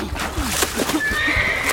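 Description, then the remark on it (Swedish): A horse caught in a rushing river whinnies loudly, a shrill, wavering neigh rising over a busy, rushing background with faint thuds. “Du måste rädda hästen!”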